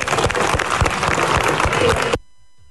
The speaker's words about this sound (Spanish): Dios les bendiga, pues un fuerte aplauso.